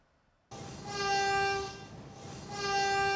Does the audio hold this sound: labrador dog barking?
no